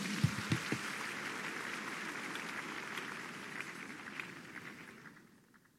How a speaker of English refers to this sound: Are you sure you are clapping for Jesus?